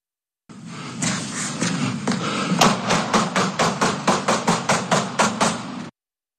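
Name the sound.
knocking on a door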